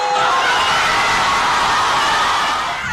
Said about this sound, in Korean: 종료 휘슬이 울리자 스페인 수도 마드리드 거리를 채운 수만 명의 인파가 일제히 환호성을 지릅니다.